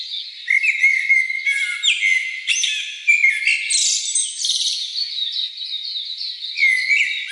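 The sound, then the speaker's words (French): Several birds sing and chirp continuously in overlapping, high-pitched whistles and trills, a dense outdoor chorus with no talking, steady throughout, under the shade of trees in Banco National Park, Abidjan. “Le bruit de la circulation laisse place aux chants d'oiseaux et aux sons de la nature.”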